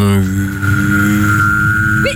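A person whistles a steady high note while humming a low droning tone at the same time, held for about two seconds, fairly loud, ending with a brief upward chirp.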